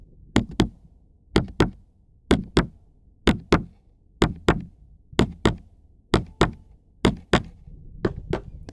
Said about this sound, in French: Le battement de mon cœur.